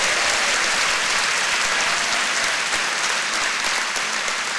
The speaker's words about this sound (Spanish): Un aplauso fuerte, que se le caliente las manos.